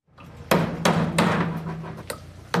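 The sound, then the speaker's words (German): Sharp hammer blows ring out at an irregular pace, about five loud strikes over a steady background of construction site noise with a low hum, no voices, at a construction site in Heimberg near Thun. “hat sich erkundigt auf einer Baustelle in Heimberg bei Thun.”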